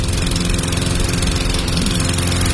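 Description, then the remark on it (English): A small gasoline lawn mower engine runs steadily and loudly, a rough, buzzing drone with a low chugging rumble that holds constant with no speech over it. “Instead of fixing that mower, why don't we just call J&I Services?”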